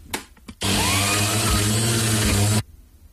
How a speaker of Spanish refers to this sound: Ahí te me suena, espérate, es algo de la cocina. Le hago una licuadora. ¿La licuadora? Juice maker.